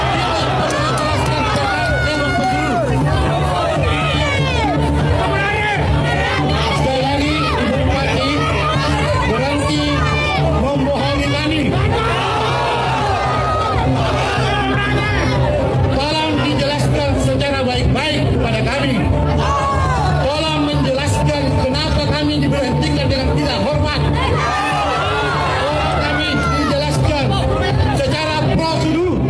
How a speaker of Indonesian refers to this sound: Sementara di halaman kantor Bupati Goa, massa yang bergantian melakukan orasi dari atas mobil komando, mereka mengaku kecewa terhadap sikap Husnia telah terpilih sebagai Bupati Goa.